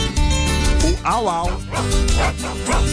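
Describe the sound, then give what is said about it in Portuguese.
A person's voice imitates a dog barking as the answer to a riddle about why dogs dread fever, giving a series of four or five loud woof-like yelps in quick succession, with a rising and falling pitch on each. “Por que o cachorro tem horror à febre? Porque o au-au”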